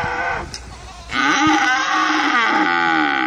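A cow lets out a single long, loud moo lasting a couple of seconds, its pitch wavering slightly, after a brief quieter stretch of soft background noise. No one speaks.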